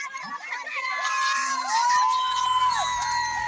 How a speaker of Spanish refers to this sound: La gente está emocionadísima aquí en las gradas. Están escuchando. ¡Eh! ¡Grita, grita, grita, grita!